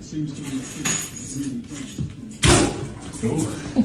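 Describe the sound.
A sharp, forceful burst of air from an air-powered toilet unclogger, a plumbers' tool that pushes a rubber piece into the toilet, with a brief splash of water splattering around the bathroom, lands midway through as people talk throughout.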